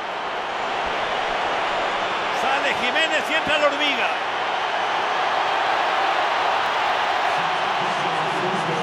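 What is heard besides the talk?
stadium crowd ovation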